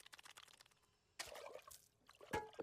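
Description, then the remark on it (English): Water is poured into a glass, fairly quiet, with a short gushing stretch, then a brief sip and a faint ringing clink near the end. No one speaks. “I'm thirsty. Drink water.”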